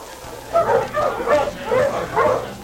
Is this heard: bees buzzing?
no